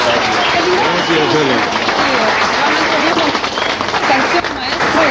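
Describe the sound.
A crowd applauds loudly and steadily for about five seconds, a dense wash of many hands clapping with murmuring voices mixed in.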